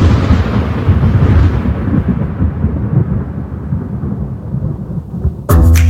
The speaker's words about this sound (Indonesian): Perbedaan waktu antara melihat kilat dan mendengar guntur ini bahkan dapat digunakan untuk memperkirakan seberapa jauh badai petir dari lokasi kita, yang penting untuk keamanan saat bencana cuaca.